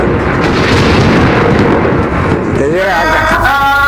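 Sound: thunder sound effect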